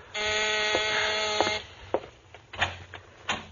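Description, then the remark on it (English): A door buzzer sounds at about midnight, one long, harsh, steady buzz lasting about a second and a half, then cuts off, followed by a few soft clicks and thumps. “It's about midnight when you hear someone at the door.”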